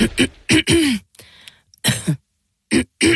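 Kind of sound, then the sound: human body sound, throat clearing cough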